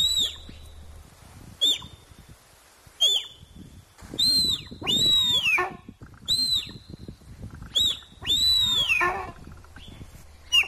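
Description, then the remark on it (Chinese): Deer calls: a series of about eight high, squeaky whistle-like cries, some short and some drawn out and arching, repeating irregularly over faint background rustle, with no talking. “我今天特别准备了这一小段的鹿鸣声，也让大家来听一听，是不是跟你想象的是一样的呢？”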